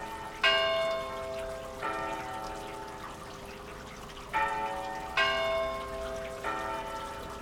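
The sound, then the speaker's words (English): Steady rain falls as a constant hissing wash, while five resonant bell strikes ring out at uneven intervals over it, each chime loud and slowly fading. No voices. “Hopefully the sound we're hearing now, all this rain falling from the sky, will not be a familiar one at the festival this year.”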